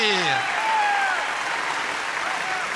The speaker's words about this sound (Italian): Facciamo un grande applauso